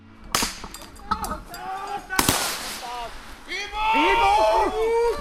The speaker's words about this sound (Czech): Kromě bojových operací vojáci trénovali i spolupráci se záchranáři a při cvičení zní i střelba.